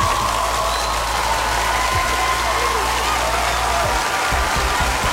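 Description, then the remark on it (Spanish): A crowd applauds steadily for a female music artist on her birthday, a dense wash of clapping at an even, fairly loud level that continues throughout, with no clear pauses or individual claps standing out. “Un aplauso nuevamente.”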